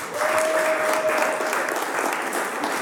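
A live audience in Tourcoing, France, claps steadily during a live France Musique jazz broadcast, a dense, even patter of many hands at constant loudness throughout, with a faint thin tone briefly sounding underneath at the start.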